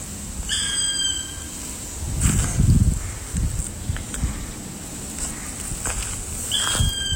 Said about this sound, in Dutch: De roep deed haar aanvankelijk denken aan een buizerd, maar toch anders. Ze schrijft: je hoort een zwarte specht. Ja, wat mooi. Wee, ja, het lijkt wel op een buizerd. Maar je hoort ook mijn voetstappen op de droge blaadjes.